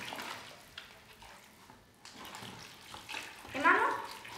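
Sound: water poured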